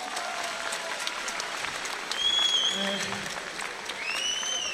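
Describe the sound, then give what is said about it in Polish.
Steady applause from a large audience at a fight event, given for a fighter after the day's fight. The applause is dense and continuous, with a brief swell midway and a few high whistles cutting through near the end. “Także wielkie brawa”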